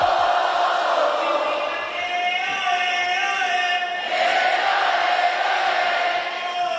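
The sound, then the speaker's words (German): A large concert crowd shouts and chants in unison along with a rapper performing as the opening act, a loud, sustained roar of many voices with rising and falling pitch. “Und ich würde mal sagen, der hatte das Publikum ganz gut im Griff.”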